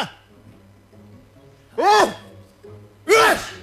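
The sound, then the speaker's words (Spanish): After a quiet moment, a person mimics a sneeze twice with the voice: two loud, breathy bursts about a second apart, each rising and falling in pitch. “¿Cómo estornudan ustedes? ¿Pueden repetir la onomatopeya de?”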